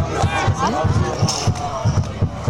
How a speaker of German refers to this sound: AfC-Fans. Die machen jetzt Musik AfC. Und trommeln, hörst du das?